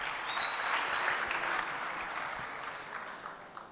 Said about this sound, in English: Would you guys clap for her as she comes right here?